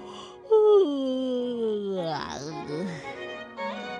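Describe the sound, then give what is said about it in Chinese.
A voice acts out a story character's long, drawn-out yawn after lunch while lying on soft grass and stretching: a loud moaning tone sliding steadily downward, then a wobbling, breathy stretching groan that trails off. Clear, with no other sounds. “吃完午饭，福农打了个哈欠，他躺在软绵绵的草地上伸了个懒腰。”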